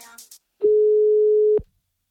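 A brief bit of speech as a phone call to someone's mother is dialed, then a single loud, steady telephone ringing tone sounds for about a second before cutting off, leaving near silence.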